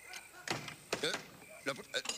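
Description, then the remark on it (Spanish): A locked door is tried and rattled in several short, uneven bursts by someone shut outside, with brief vocal sounds mixed in between the shakes. “¡La puerta se ha cerrado! Quitaré más fuerte. A ver, la maldita me ha dejado afuera.”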